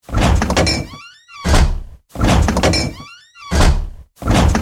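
A refrigerator door opens and shuts again and again in a steady rhythm, each cycle a loud rush with a brief squeaky creak, separated by short silences. No one speaks.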